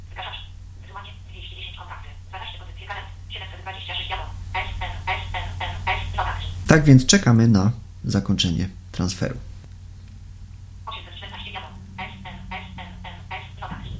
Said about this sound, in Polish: Słyszymy, że telefon nam się jąka. Zobaczymy, czy nam powie, ile rzeczy już pobrał.